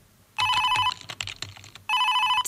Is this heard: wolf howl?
no